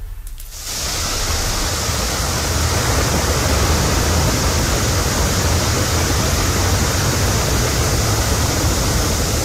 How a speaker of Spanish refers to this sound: Algo pasó ahí y se originó una enorme fuga, tremenda fuga. Agua de Puebla ignoró la fuga de agua y tuvieron que ir los bomberos.